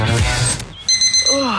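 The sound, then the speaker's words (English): After a brief burst of noisy talk, a shrill electronic alarm, set for an early hour, starts up, sounding two close, high-pitched pulses, while a voice begins speaking underneath near the end. “Why did you set the alarm so early?”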